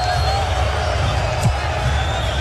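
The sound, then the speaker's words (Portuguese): A stadium crowd at the Argentina national football team's opening match, with Argentina leading 2-0, roars loudly and continuously, a dense, steady wall of cheering and babble that barely rises or falls across the whole moment. “Argentina tá ganhando 2-0 e o barulho é muito forte.”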